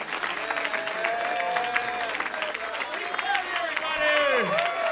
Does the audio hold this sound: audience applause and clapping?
yes